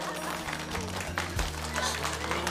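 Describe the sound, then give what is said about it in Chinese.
A crowd of guests claps steadily in a dense, crackling patter during a celebratory speech, with low humming music and murmuring voices underneath. “首先呢，我就要感谢我媳妇儿给我生了一个好儿子，大胖小子啊！鼓掌！”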